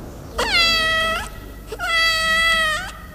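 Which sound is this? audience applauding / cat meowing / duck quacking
cat meowing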